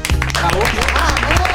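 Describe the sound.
A burst of clapping with sharp, irregular hand claps, heard over steady voices and a low humming tone throughout the short stretch.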